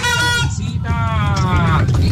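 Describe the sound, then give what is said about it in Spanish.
A car horn blares in two long, steady honks, the second slightly longer and dipping at the end, over a low rumble of crowd chatter and street noise, honked in Colombia to celebrate a 3-0 football win. “Un pitazo por ese 3-0.”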